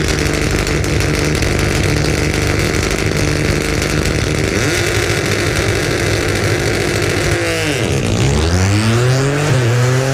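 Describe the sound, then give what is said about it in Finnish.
The engine of a Ford Fiesta Rally 3 rally car, number 69, driven by Kerem Kasas with Corentin Silvestre, roars loudly at the start of a special stage, holding a steady growl before revving hard, its pitch dipping and surging as the car launches and pulls away. “Saadaan Ford liikenteeseen tuosta erikoiskokeen lähdöstä.”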